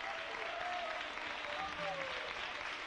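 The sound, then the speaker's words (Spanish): At a worship service, an audience applauds God, clapping steadily in a dense, continuous wash, with a few faint tonal voices or calls rising briefly above the clapping throughout. “Dale un aplauso al Rey.”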